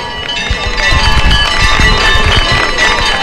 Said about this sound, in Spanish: Mirad, vamos a escuchar los aplausos de la gente.